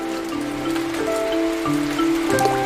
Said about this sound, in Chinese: 这个雨越下越大了。